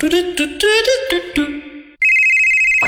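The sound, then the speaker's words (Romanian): A phone rings with a loud electronic ringtone: a quick run of short melodic notes, then a steady, high-pitched tone that holds. No one speaks. “Hei, te sună marea!”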